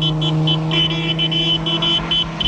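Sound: car passing by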